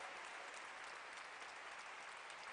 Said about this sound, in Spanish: Aplauso a Cristo por ellas.